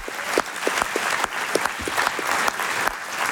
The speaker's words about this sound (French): Aussi, je voulais qu'on applaudisse tous ensemble les bénévoles qui font vivre le festival, s'il vous plaît. C'est quand même important.